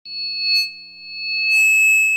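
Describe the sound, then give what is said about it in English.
A steady, high-pitched electronic ringing made of two pure sustained tones, holding constant throughout with faint bursts of hiss, mimicking the sound of tinnitus. “Did you know that ringing in the ears or tinnitus is a symptom of hearing loss?”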